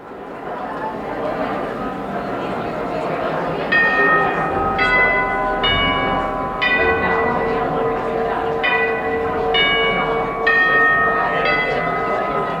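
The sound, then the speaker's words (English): The chimes of Hines Hall for the Performing Arts signal that the concert is about to begin: a melodic series of about eight bright struck tones spaced roughly a second apart, over a steady murmur of crowd chatter in a large, reverberant hall. “You're listening to The Chimes at Hines Hall for the Performing Arts, letting music lovers know you can't linger in the gift shop or sip your Pernod one moment longer.”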